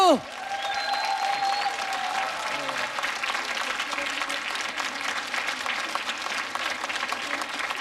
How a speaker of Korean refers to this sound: 자, 네. 박수!